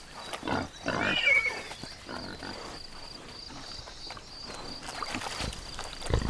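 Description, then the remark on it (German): A pig grunts in low, irregular bursts while wallowing in mud, with wet squelching and sloshing between the grunts and a steady faint hiss underneath. No one speaks. “Ist der Hunger gestillt und der Durst gelöscht, wird es Zeit, in die erfrischende Suhle zu steigen.”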